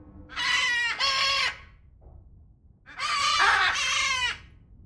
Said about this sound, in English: We're stood next to a huge aviary. What birds are living here? So we're at our macaw block right now. So basically a bunch of different macaw species. We've got green-winged macaws, blue-throated macaws, great green macaws, and hyacinth macaws